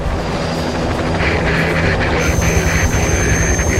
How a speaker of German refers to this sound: Die Hubschrauberstaffel aus Magdeburg hebt ab.